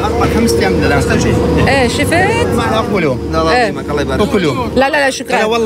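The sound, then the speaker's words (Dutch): A large, new, modern 36,000-litre oil tanker truck's engine runs with a steady low rumble throughout, largely masked by continuous talking over it. “Het zijn gigantische vrachtwagens. 36.000 liter staat erop.”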